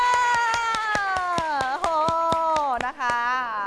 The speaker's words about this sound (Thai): กลุ่มที่จะได้แสดงเป็นกลุ่มแรกนะคะก็คือกลุ่มที่4ค่ะปรบมือ